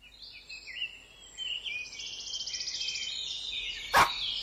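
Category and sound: animal, dog barking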